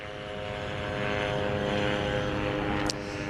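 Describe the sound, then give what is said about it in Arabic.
A steady, droning propeller buzz of an Israeli reconnaissance drone flying at very low altitude over Gaza City hangs overhead, fairly loud and constant with a faint rise in intensity, no voices present. “طائرات الاستطلاع بكل أنواعها وهي طائرات مسيرة إسرائيلية تحلق في أجواء في قطاع غزة بشكل مكثف وعلى ارتفاعات منخفضة جدا، هي بشكل يومي وبشكل مكثف لا تفارق أجواء قطاع غزة وتحديدا مدينة غزة وتكون على ارتفاعات منخفضة”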